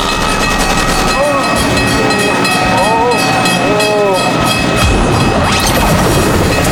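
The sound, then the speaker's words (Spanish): A train rumbles past with a steady, heavy roar, while several short, wavering whistle blasts sound over it in the first few seconds. “Aquí ya vienen los trenes ahí.”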